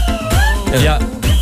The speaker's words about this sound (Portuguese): Este apito é...